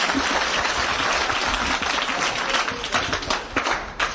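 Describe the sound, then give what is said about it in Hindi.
An audience claps steadily, a dense wash of many hands that stays loud and even for about four seconds, with a few sharper claps standing out near the end. “जी sir, ताली बजा sir.”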